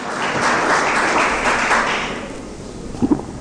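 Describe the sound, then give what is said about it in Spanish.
An audience applauds the Lord in a dense, sustained wash of clapping that gradually thins and fades out, followed by a few faint voice sounds near the end. “aplauso al Señor.”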